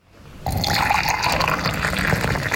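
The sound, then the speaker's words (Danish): After a brief quiet moment, hot water is poured steadily into a glass, a continuous splashing fill that holds at an even level until the end. No one speaks. “Helt klart varm.”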